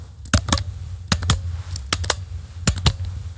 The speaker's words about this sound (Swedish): Här är en penna som klickar.